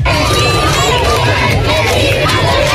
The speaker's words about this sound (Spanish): Momento, gritos de alegría, aplausos, vítores a León XIV, que ha recorrido todo el frontal de la fachada principal de este Palacio Real en el Papamóvil, de pie, saludando a todo el público.